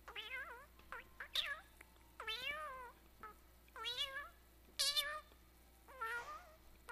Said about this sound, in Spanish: Bueno, gatito, tienes razón. Entonces, el gatito estaba cantando más o menos, porque así son los gatos. Mamita, tú eres mi cielo de amor. Eso estaba diciendo.